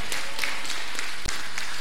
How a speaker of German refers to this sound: Applaus für den Gewinner.